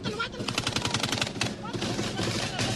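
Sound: burst of gunfire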